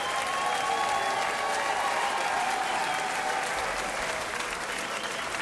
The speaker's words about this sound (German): Einen großen Applaus an unsere wunderbaren Bläser hier.